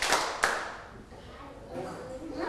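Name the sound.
hand claps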